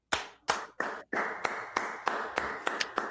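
A short burst of hand clapping, roughly ten sharp, crisp claps in a steady, quick rhythm, loud and alone with no voices over it.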